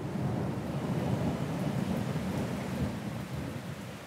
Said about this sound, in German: Sommerregen oder Regensommer? Ich glaube, die Frage stellt sich gar nicht. Für uns heißt das auf alle Fälle Zwangspause. Grummelt ganz schön, Blitz und Donner sind auch dabei.